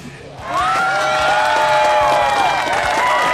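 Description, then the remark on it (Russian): After a brief quiet moment, a crowd bursts into loud, sustained applause for a quiz winner, dense clapping mixed with cheering and whoops that stays steady to the end. “ну и, собственно, за скорость аплодисмента еще.”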